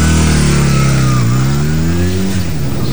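A motorcycle engine revs loudly and steadily in front of a house during the afternoon nap time, its pitch dropping briefly then climbing again as the throttle is worked, with no voices over it.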